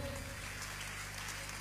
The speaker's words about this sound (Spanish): Aplaudele un momentito.